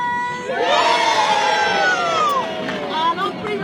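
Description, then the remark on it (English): A big crowd of schoolchildren, gathered from both sides of the River Trent, erupts in a loud, sustained cheer at the official opening of the new Waterside Bridge. Many high voices shout together for a few seconds before the cheer briefly dips and swells again. “On three, they're about to do a massive cheer.”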